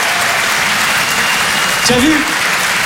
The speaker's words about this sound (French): Applaudissez-vous.